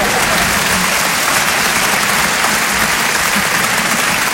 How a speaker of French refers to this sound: C'est pas facile de lancer des applaudissements avec vous, les gars. Alors qu'on s'est quand même entraîné tous les soirs à 20h pendant le premier confinement, quand même.